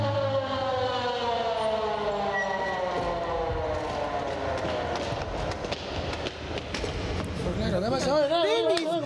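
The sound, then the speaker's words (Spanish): A loud ambulance siren blares as paramedics ride with a passenger to the hospital, its steady tones sliding downward in pitch before breaking into a rapid wavering wail near the end, over constant rumbling background noise. “Los paramédicos estuvieron allí en minutos y yo subí en ambulancia con ellos.”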